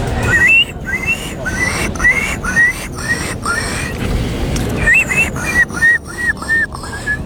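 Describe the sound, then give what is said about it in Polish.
A contestant in a contest imitating Polish bird species imitates a gull with a series of shrill, squealing whistled calls, repeated in quick bursts with short pauses, loud over a rumbling background. “To była mewa, tak.”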